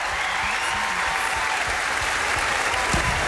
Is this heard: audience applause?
yes